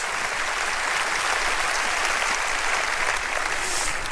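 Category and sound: crowd, audience applauding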